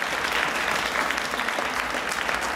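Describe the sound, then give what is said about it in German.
Steady, dense audience applause at a concert for the keyboard player, many hands clapping at once in a continuous wash of sound with no pauses or voices standing out. “nochmal großen Applaus für … an den Tasten”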